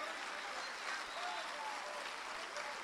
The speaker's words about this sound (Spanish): Amén. Un aplauso al Señor.